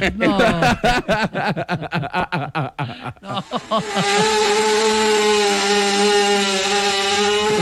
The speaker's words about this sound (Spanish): Es que cuando me acerco a un nido de abejas. No. Es que es el sonido de un dron.